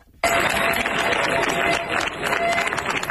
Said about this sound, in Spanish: Así han despedido entre aplausos los vecinos de Niebla los efectivos de la Unidad Militar de Emergencias, que han comenzado su repliegue después de 10 días de lucha contra un incendio que ha recorrido más de 38.000 hectáreas.